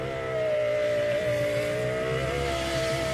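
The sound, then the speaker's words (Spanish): A juicer motor runs steadily and loudly, a continuous buzzing whine with a strong hum that holds an even pitch for the whole stretch, with no voices over it. “Espérate, es algo de la cocina. Le hago una licuadora. ¿La licuadora? Juice maker.”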